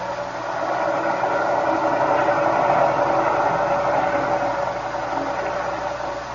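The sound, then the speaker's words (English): A steady, laboring submarine engine drone with a mid-range hum and rumble, swelling slightly and then easing, heard continuously with no voices over it; the propeller is fouled and turns as if something is holding it back. “The engine room reports the propeller is still fouled, sir.”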